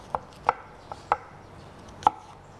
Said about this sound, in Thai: แล้วก็แอปเปิ้ลล้างให้สะอาดแล้วก็หั่นเป็นชิ้นเล็กๆเราใช้ทั้งเปลือกเลยนะคะ